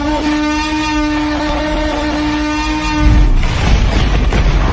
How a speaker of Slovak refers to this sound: Že sme oklamaní, pretože Tyrannosaurus Rex vraj v Jurskom parku vlastne znie podľa tých tvorcov filmu takto.